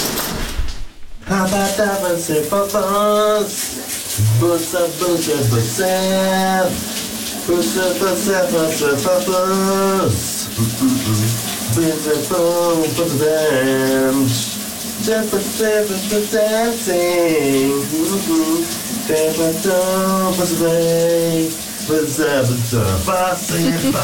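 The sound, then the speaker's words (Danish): A man in the shower hums an iconic hit song loudly, wordless tuneful phrases rising and falling, over the steady hiss of the running shower that continues throughout. “Han synger altså en ikonisk sang i dag i bruseren”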